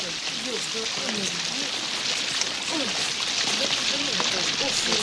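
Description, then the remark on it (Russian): Heavy rain pours down in a dense, steady hiss that never lets up, with indistinct voices murmuring faintly underneath the downpour. “Самый дождь, телефон сейчас промок, принесем.”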